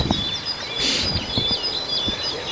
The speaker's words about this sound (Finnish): Tämä oli tiainen pihan puolella. Se tulee sieltä metsämikistä, joo.